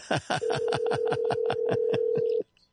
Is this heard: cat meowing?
no